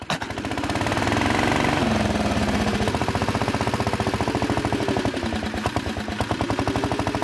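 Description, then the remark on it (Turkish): A BSA motorcycle engine on an unusual vehicle with a dump body and a roller roars into life and keeps running loudly, its rapid, even pulsing beat holding steady for several seconds with no voices over it. “Damperli, silindirli ve BSA motorlu bu sıra dışı araçta iki farklı çalıştırma sistemi var.”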